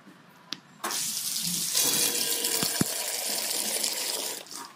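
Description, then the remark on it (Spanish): Cider streams steadily from a barrel into a glass at a cider house during txotx season, a broad hissing pour that starts abruptly and stops near the end, with a couple of small clinks, leaving the glass foamy. “Entonces se queda así todo espumoso el vasito en estos momentos y ya de un trago, ¿eh?”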